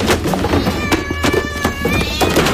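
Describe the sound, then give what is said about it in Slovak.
A pile of heavy books, stacked in a pot on a shelf, tumbles down onto a surprised tomcat when a masked man yanks a string, in a quick, irregular run of thumps and thuds, while the cat lets out a drawn-out, startled cry over the clatter. “Na prekvapeného kocúra Ria sa zosypali bratia Karamazovovci, Anna Karenina, Oliver Twist, pani Bováriová aj otec Goriot.”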